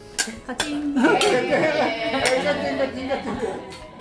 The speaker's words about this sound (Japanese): 盛り上がっていますよね。もう乾杯と賑やかに始まっています。